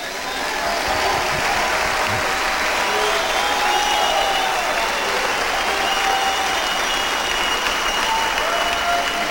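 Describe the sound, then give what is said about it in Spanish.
A crowd breaks into loud, sustained applause, dense clapping that holds steady for about nine seconds, with faint shouts and voices mixed into the roar. “¿Y por qué no aplauden entonces?”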